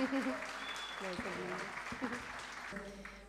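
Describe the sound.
An audience claps steadily throughout, a dense, even crackle of many hands, while voices murmur and call out underneath.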